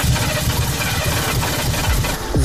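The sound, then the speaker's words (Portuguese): A car engine idles with a steady, low, throbbing rumble and a faint buzzy rattle. Its pitch holds even throughout, then briefly swells upward near the end. “Vamos trocar de carro ou vamos reparar isto?”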